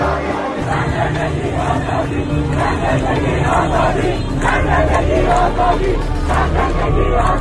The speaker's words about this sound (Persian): زنان و دختران پیشگام شدند. فریاد زن، زندگی، آزادی خیابان‌ها را پر کرد.